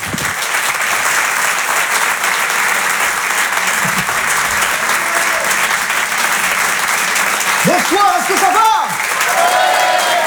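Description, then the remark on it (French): Loud, sustained applause from a large audience welcoming a comedian onto the stage on Rire et Chanson, a dense steady roar of clapping, with a few whoops and a voice rising briefly near the end. “Je vous demande de l'encourager, de l'applaudir très fort.”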